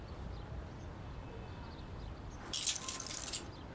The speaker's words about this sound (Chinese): 钥匙。